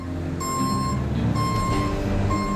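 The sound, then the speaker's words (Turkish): Truck reversing beeps as a truck is maneuvered through narrow streets: a steady, high-pitched beep repeating at a regular pace, about three long tones, over a loud low engine rumble. “Yıllardır kamyon sürerim.”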